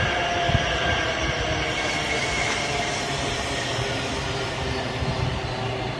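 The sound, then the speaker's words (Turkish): A high-speed train rushes past, a loud, steady roar of rolling wheels and rumble filling the whole six seconds with no break and without any voices. “Tren. Hızlı tren geldi.”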